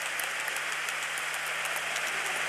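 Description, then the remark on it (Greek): A stadium crowd applauds Christos Zafiris as he comes off during a football match, a dense wash of many hands clapping at once with a few sharper claps poking through. It stays even and moderately loud throughout, with a faint low hum underneath and no voices. “Χειροκρότημα της εξέδρας στον Χρήστο Ζαφίρη.”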